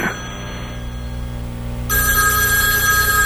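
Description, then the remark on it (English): A telephone rings steadily and fairly loudly, unanswered, with no voices, its bright electronic tone growing louder and harsher about two-thirds of the way through. “All right, we really shouldn't be talking now because you can't hear me because you haven't picked up the goddamn phone yet.”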